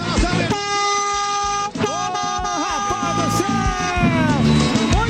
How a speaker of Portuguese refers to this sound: Isso aí, acabou o nosso buzinaço. Obrigado a todo mundo que buzinou, brincou com a gente na nossa madrugada.